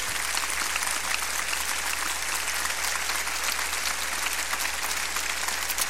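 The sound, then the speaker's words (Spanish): An audience at a church service claps steadily for several seconds, a dense, sustained wash of many hands at an even, fairly loud level without pauses or distinct cheers. “¿Qué tal si les brindo mejor esos aplausos?”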